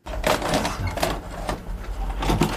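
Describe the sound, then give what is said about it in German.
A VHS cassette is pushed into a video recorder, a run of plastic clicks, clunks and mechanical whirring over about two seconds, fairly loud with no voices. “Einzige Voraussetzung ist die Kenntnis darüber, wie man einen VHS-Rekorder bedient. Simon Emmerlich weiß offensichtlich, wie man das macht.”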